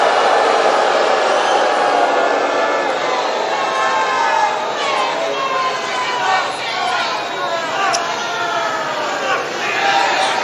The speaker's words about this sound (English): A lot of crowd reaction. You heard somebody there just yell FCNN.